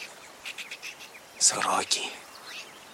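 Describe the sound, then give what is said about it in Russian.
Magpies, disturbed by someone approaching, chatter in a short burst of harsh, rattling calls, preceded by faint scattered chirps over a quiet outdoor background. “Сороки беловоги шебуршатся. Значит, идет кто-то, тревожит их.”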